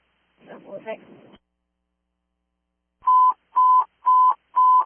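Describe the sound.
A short burst of muffled radio voice, then a pause, then four loud, steady radio dispatch alert beeps at one pitch, evenly spaced in a quick regular rhythm: a short alert before a call to all units about a missing person.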